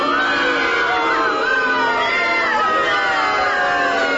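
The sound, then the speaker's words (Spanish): A large crowd boos loudly and continuously, many overlapping voices forming a dense, sustained roar that holds steady for several seconds without any single voice standing out. “Sí, me merezco el más grande de sus abucheos, muchos.”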